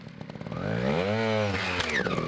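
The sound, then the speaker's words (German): A small trial motorcycle engine revs up, its pitch rising to a high whine and then falling back, loud, with a rough buzzing tone and no talking. “Ziel beim Motorrad-Trial ist es, nicht mit dem Fuß den Boden zu berühren.”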